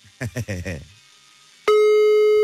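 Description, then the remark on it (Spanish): A man talks briefly, then after a short pause a loud, steady telephone dial tone starts abruptly as a call is placed, holding one unbroken electronic pitch through to the end. “Marcamos en este preciso momento, ahora.”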